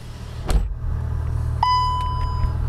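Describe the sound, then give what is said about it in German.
Steady low road rumble from inside a car driving west from Washington toward Ashburn, Virginia, broken by a sharp click and then a single electronic chime that rings on for about a second. “Mit dem Auto sind es gut 45 Minuten von Washington Richtung Westen bis nach Ashburn.”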